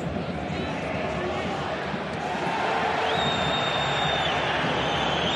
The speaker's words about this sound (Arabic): جماهير ديبورتيفو ألافيس الباسكية عاملة أجواء كبيرة جدا، تقوم بواجبها ودورها من أجل تشجيع عناصرها لضمان البقاء ضمن حظيرة الكبار السنة القادمة.